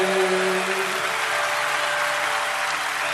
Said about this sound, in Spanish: Loco canta la canción y aplaude.